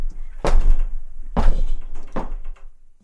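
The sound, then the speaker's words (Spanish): The heavy wooden door of Park Abbey bangs shut with a deep thunk, followed by two more solid thuds as it settles, echoing slightly. “Apenas cruzamos su puerta, el mundo baja el volumen.”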